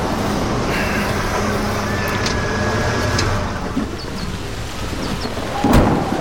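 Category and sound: nature, thunderstorm with heavy rain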